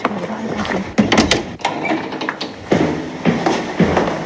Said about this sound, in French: Il va falloir qu'on passe notre grande porte à clous et qu'on rentre dans la cour et on va descendre dans le sous-sol, dans les anciennes cuisines du 19e siècle.